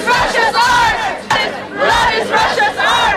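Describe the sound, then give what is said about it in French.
Protesters in Venice, members of a Russian group, chant a slogan about the blood and art of Russia in unison, loud rhythmic shouted phrases repeating twice with a brief pause between, voices rising and falling together in a strong, insistent cadence. “c'est l'un des slogans que l'on entend ici et que scandaient les membres du groupe russe”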